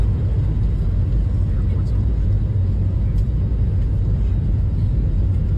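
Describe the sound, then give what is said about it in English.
A loud, steady roar of a Frontier Airlines airplane speeding down the runway for takeoff, a dense low rumble that holds constant throughout without pause. “I mean, that plane is moving. Oh, yeah, they're just about to lift off.”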